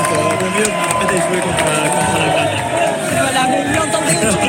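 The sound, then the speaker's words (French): A dense, loud crowd in Toulouse celebrating Spain's victory, with Spanish flags, roars continuously, with many voices shouting and chanting together in a steady celebratory din that never lets up. “Ça crie, ça chante au fait de bien sûr la victoire de l'Espagne.”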